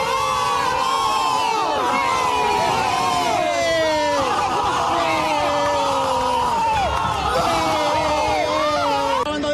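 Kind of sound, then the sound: crowd, football crowd chanting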